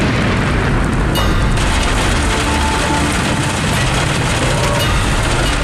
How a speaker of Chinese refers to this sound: 今天这个雨有点太大了，估计这个还打雷，这样的话上山，如果往山梁上爬就有点危险了。